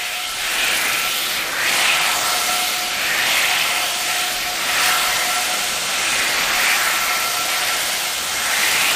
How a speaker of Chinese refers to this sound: 油温升至七成热，将这一丸子放入炸至定型即可出锅。